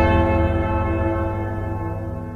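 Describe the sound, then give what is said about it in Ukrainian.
A single quiet memorial bell strike hums and slowly fades, its deep ringing overtones lingering at moderate volume with no voices present. “Це тихий дзвін пам'яті.”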